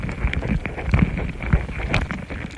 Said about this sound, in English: The ants are investigating these foreign objects. Some are even biting them. That's what these louder popping noises are. Ant mandibles, chewing on a microphone.